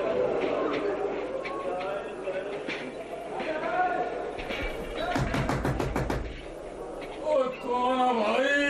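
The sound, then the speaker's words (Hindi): A rapid series of sharp knocks on a door by a man who says he is a railway employee, about eight quick raps in a tight burst, heard over ongoing voices and background chatter. “दरवाजा खोलिए साहब, मैं रेलवे कर्मचारी हूँ।”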